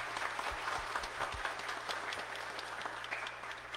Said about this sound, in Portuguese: Vamos dar uma salva de palmas ao casal.